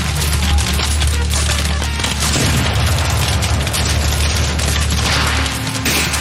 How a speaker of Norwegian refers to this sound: De norske innvandrersoldatene i 15. Wisconsin brøyter seg frem gjennom kratt og trær. De hører kanoner, men har ingen kanoner å svare med.